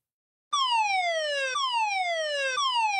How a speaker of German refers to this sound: An einigen Orten kam dann auch noch Sirenengeheul dazu. Bundesweiter Warntag war nämlich heute.